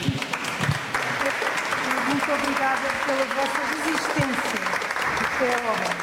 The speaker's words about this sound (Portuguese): Quatro núcleos com muitas histórias, a visita termina com palmas.